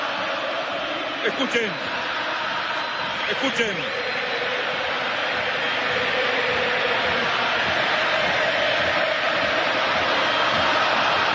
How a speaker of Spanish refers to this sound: Hay salida, escuchen el público argentino.